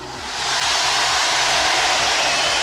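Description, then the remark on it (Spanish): A festival firework rocket launches in Logroño, Spain, for the San Mateo festival, with a loud, steady hissing rush that swells up within the first half second and holds unbroken to the end, with no bang and no voices. “Este cohete va por todos vosotros, por los que queréis Logroño, por los que sentimos Logroño.”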